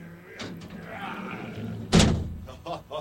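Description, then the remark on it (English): A big, heavy door slams shut once as it is closed to be locked for the night, with a loud, booming thud that rings briefly, preceded by faint creaking and background murmur, followed by a couple of softer knocks. “Do it right now, because I'm going to lock the door, and then that's it.”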